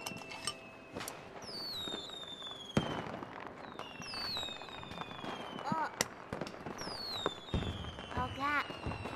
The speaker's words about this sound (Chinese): 哟，太阳快看， 放花。 来来来，我儿子放花，来，看。